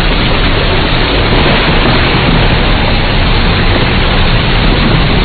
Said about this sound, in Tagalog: Ang lakas ng kidlat at kulob, umulan na.